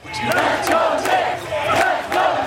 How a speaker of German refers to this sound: Mitten in Manhattan feuern hunderte Menschen die Basketballer der New York Knicks an. Dabei starren sie gespannt auf einen kleinen Fernseher, den ein Bodega-Besitzer vor seinem Laden auf dem Bürgersteig aufgestellt hat.